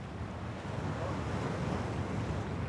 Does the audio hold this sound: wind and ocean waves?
yes